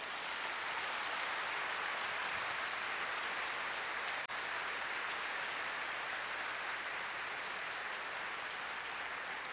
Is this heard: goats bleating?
no